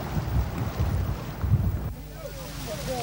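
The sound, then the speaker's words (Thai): A deep-sea tuna fishing boat far out at sea near the edge of Thai waters, with a deep engine rumble and blustery wind buffeting the microphone, then easing to a quieter drone with faint high chirping calls near the end. “เพื่อจับปลาทูน่าน้ำลึกเรือลำนี้ต้องเดินทางออกมาไกลเกือบสุดเขตหน้าน้ำไทย”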